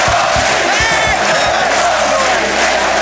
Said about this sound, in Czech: Ty ovace od těch diváků, ty byly fantastický a celý ten tým, ten byl, tak by se tam na tom ledě těm divákům rozdal. Protože ty byli náš 6. hráč.